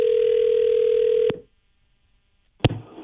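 A single steady, mid-pitched ringback tone buzzes for over a second, then cuts to silence before a sharp click and rustle as the line is picked up.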